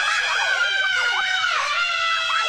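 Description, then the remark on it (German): A crowd of people on a roller coaster screaming loudly and continuously, shrill overlapping voices rising and falling as they plunge down a drop. “Jeder sagt doch vor der Achterbahn den immer selben Satz. Ah, diesmal schreie ich aber nicht. 3 Sekunden später.”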